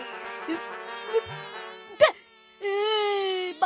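insect, fly buzzing

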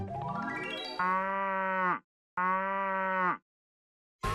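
animal, cow mooing

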